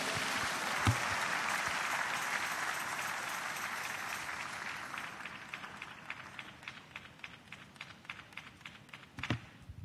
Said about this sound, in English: Can we give the Lord a clap? Hallelujah.